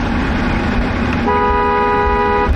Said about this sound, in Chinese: 所有经过东风革命烈士陵园的车辆都会鸣笛，表达对长眠于此的英烈们的深深敬意。